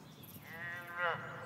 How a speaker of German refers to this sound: Sag einmal, das hört sich doch an wie eine Kuh.